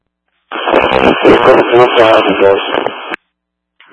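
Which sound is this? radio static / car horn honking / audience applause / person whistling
radio static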